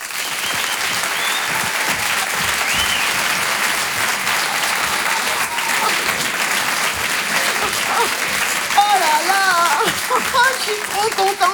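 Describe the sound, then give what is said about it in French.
An audience in a hall applauds a performer steadily and loudly for several seconds, a dense wash of clapping, with a few cheers and whoops rising toward the end. “Je vous demande d'applaudir très fort s'il vous plaît.”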